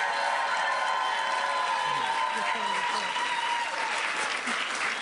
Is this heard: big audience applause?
yes